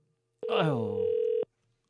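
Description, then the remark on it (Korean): A single steady electronic telephone ring tone lasting about a second, fairly loud, with a voice speaking over it as it sounds; a call placed to a listener during a Far East Broadcasting radio program, and the call goes unanswered. “제가 포기하지 않고 다시 한번 꼭 전화 올리도록 하겠습니다.”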